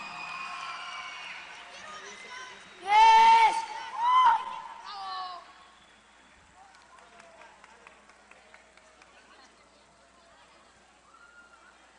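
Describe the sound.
A crowd murmurs, then breaks into loud whoops and a shouted cheer, followed by scattered, fairly faint applause that continues for several seconds.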